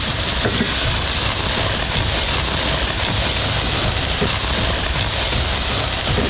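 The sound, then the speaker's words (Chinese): Steady, dense sizzling of pork intestines being stir-fried in a hot pan with dried chilies and Sichuan peppercorns to render out excess fat, a loud crackle that runs continuously for the whole stretch with no voices over it. “炒肥肠， 对，炒肥肠，把这个多余的一点点油脂太腻的那些给它煸一煸啊。”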